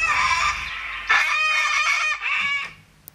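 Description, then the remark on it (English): Cockatoos screech loudly, a few harsh, raucous calls overlapping in quick succession before fading out, with no voices present. “There was a few cockatoos in that one.”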